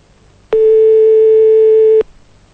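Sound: telephone line tone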